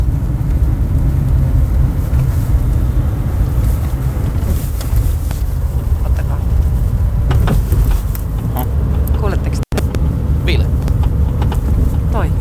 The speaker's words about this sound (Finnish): Se nakuttaa. Perässä selvästi taka-akseli.